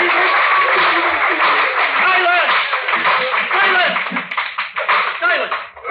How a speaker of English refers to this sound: Silence! Sergeant at Arms will bring forward immediately the parties that applauded. I applauded more than anyone else, Your Honor. The Sergeant at Arms will bring forward that lady. I applauded more than her.